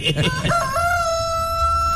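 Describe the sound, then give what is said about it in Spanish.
A rooster crows once, loud, a long drawn-out call held steady after a brief burst of the rooster flapping its wings at the start, with a low rumble underneath. “Sí, pues gallo que se grabó aletea primero.”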